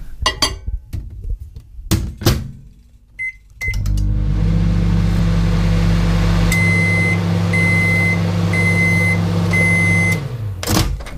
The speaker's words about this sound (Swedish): Men då har vi ju också mycket, alltså mikron används ju flitigt än idag.